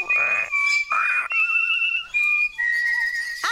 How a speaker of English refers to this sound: Oh, stop it! I thought we got rid of that song a long time ago. I just can't stand it. Listen to the bird.